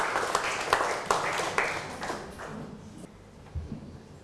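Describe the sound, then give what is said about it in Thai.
In a classroom, a small group of students claps for a classmate who has just sat down after answering, in a scattered burst for a few seconds. The sharp hand claps fade out toward the end while a low murmur of voices lingers underneath. “เรามาดูถูกไหมปรบมือให้กับเพื่อนหน่อยครับ”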